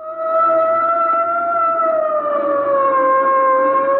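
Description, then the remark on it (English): A police boat siren wails loudly and continuously, its steady tone drifting slowly lower in pitch over four seconds, with a low engine rumble beneath and no voices. “Suddenly, from nowhere, an official boat. A police boat.”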